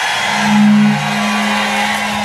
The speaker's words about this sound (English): All right, we somebody 803, somebody bought a truck horn. What these folks in Cincinnati off the chain.